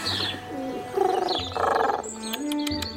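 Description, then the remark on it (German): A dove coos in a run of low, warbling calls as it arrives, with a few sharp flutters near the end as if wings are flapping. No one speaks. “Mit der Taube auf der Schulter lief Sophia vor uns ins Haus.”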